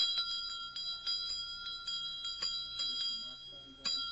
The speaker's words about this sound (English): Well, this was used in Mark Twain's own school. When he wasn't playing hooky. That's the little kind of a bell I think the teacher used on her desk.